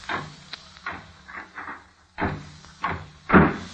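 The library door is handled, shut and locked, with a series of light clunks and rattles building to a louder closing thud at the end. No one speaks.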